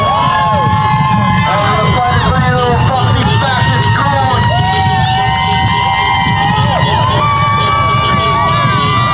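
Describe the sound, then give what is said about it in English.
A street crowd in New Jersey cheers and shouts continuously as detainees inside flash the lights on and off, many voices overlapping in a loud, sustained roar with rising whoops and yells throughout. “And that's what the people in the street were cheering about.”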